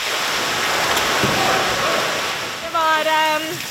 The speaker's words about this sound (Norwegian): Ganske mye krefter i de bølgene.